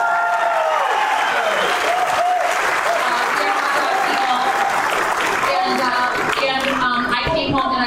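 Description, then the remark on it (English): A crowd breaks into steady, loud applause for the hot dog, many hands clapping together with some cheering mixed in, sustained throughout before starting to thin out near the end. “And if you are good Midwesterners, please freaking clap for the hot dog.”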